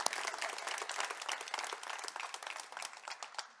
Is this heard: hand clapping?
yes